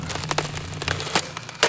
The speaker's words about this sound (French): Il a pris un marteau pour taper. Un marteau énorme et lourd, lourd. Et dans le mur, ça fait... Boum, boum, boum, boum.